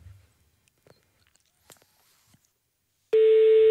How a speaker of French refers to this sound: Ça sonne, on va avoir quelqu'un, je vous le dis.